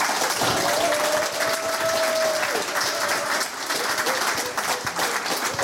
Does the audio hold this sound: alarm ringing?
no